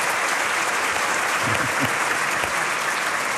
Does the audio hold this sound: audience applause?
yes